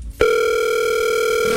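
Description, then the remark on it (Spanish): A telephone rings on an unanswered call: a steady electronic tone switches on abruptly after a brief quiet moment and holds, loud and unbroken, with no one speaking. “No contesta.”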